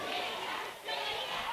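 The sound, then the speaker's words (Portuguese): A crowd applauds and cheers loudly and steadily, a dense wash of clapping and shouting that dips briefly midway before swelling back up, as the audience claps for the girls. “Valeu, bate palma com as meninas aí, gente, por favor.”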